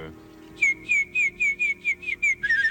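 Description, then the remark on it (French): On France Inter, someone whistles an imitation of a warbler's song: a steady run of about nine short, bright, high-pitched chirping notes, ending in a quicker trill, over a faint low background hum. “Ah non, c'est la fauvette, monsieur.”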